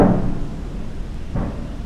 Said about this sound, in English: The slapping truck gate on the back, that's what that is. They're dumping something over there, and the driver rocks the truck back and forth and slaps that back gate to dislodge any material that's stuck up in their bucket.